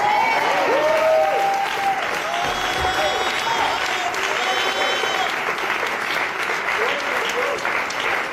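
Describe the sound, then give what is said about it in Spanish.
A crowd claps steadily and loudly for several seconds as applause for the Lord, a dense wash of hand claps with scattered cheers and voices rising over it, holding strong throughout. “Mira, alguien que un aplauso al Señor.”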